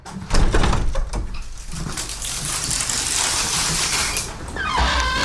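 A wire aviary door is very carefully eased open, with a soft clunk followed by a long scraping, rattling slide. A few bird chirps come in near the end.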